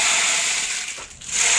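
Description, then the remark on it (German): A percussion instrument gives off a dense, hissing rush of tiny rattling grains, much like a rainmaker; it thins briefly, then swells back to a steady shimmer, with no talking. “Ja, es ist eigentlich ein Percussion-Instrument, das kann man auch kombinieren. Genau. Oh, wow. Klingt wie ein Regenmacher, so ähnlich ist es auch.”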